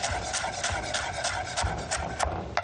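A knife chops fresh Italian parsley and mint relatively finely on a board in quick, steady strokes, each a crisp tap over a low, continuous rustling hum, with no voices.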